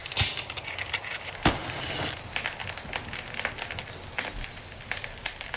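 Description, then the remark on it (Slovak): A steady fire crackles and pops, with irregular sharp snaps scattered over a soft hiss, as a campfire is being lit to heat soup. No voices are heard. “Hneď dostaneš teplú polievku, len čo rozložím oheň.”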